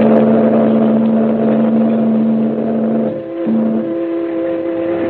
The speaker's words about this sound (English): The man grabs the package, and the little launch moves away and heads up the coast as the liner churns off up the harbor.